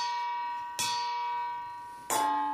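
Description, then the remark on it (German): A long wooden spoon strikes a metal pasta colander twice, about a second apart, imitating church bells calling to mass. Each loud clang rings out with a bell-like shimmer that hangs and slowly fades. No one speaks. “schlägt konzentriert mit einem langen Holzlöffel auf ein Nudelsieb. Das soll die Kirchenglocken imitieren, die zur christlichen Messe rufen.”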